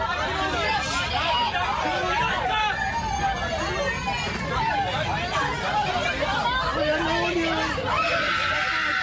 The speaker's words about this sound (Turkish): Gemi batmadan önce yaşananların görüntüleri de dehşetin boyutunu gözler önüne serdi. Can yeleği takmış yolcuların panik içinde çığlık attıkları görüldü. Bazı yolcular çocuklar var diyerek feryat etti.